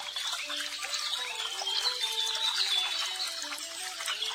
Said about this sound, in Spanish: Y el pájaro estaba cantando y bailando alegremente.